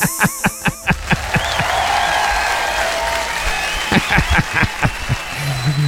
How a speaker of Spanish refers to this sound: Aplauso para mí.